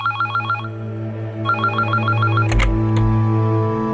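A telephone rings in two short trilling bursts with a pause between, followed by a few sharp clicks, over a steady low hum in the background.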